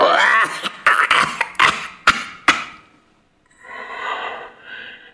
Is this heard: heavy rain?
no